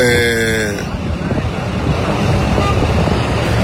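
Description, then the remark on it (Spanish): A vehicle horn blares for about a second, then a steady, loud rumble of road traffic follows as cars and trucks are let through a road blockade on the route to Chihuahua, Mexico. “Mire, por ejemplo, aquí ya dejaron pasar esos. Ya volvieron a tapar.”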